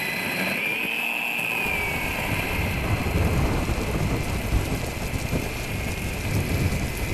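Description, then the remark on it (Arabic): Steady rain pours down in a dense, continuous hiss with a low rumbling undertone, like a heavy downpour. A faint high tone drifts briefly near the start; no voices. “ومع بدء هطول المطر وبزوغ ضوء الفجر غادر المكان.”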